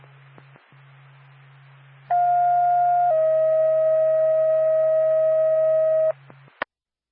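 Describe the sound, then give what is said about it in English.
A loud two-tone paging alert from Stratford Fire Department dispatch: a steady pitched tone for about a second, then a slightly lower tone held for three seconds, over a low radio hum and ending in a click. It precedes a call to a carbon monoxide alarm activation in Stratford. “Stratford Fire Department, standby for tone.”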